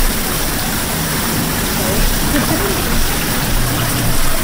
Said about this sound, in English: Very mysterious looking machine, like a cement bathtub. Yeah, this is a Hollander beater. This is our device to make paper pulp. We put into that three basic ingredients for a paper pulp.